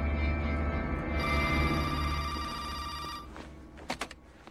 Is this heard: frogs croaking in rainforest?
no